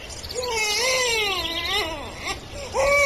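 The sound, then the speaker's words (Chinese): An infant cries in a cradle in a long, wavering wail that rises and falls, breaks off briefly, then starts up loudly again. “摇篮里婴儿啼哭了起来，毛泽东吩咐说， 先喂奶吧”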